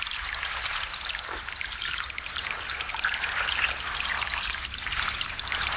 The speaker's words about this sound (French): Petite pluie de Dieu, cesse maintenant. Ta mère est allée au buisson de Sureau pour se marier au fils de la rivière. Le fils de la rivière ne s'est pas marié. Et la petite pluie du bon Dieu n'a pas cessé.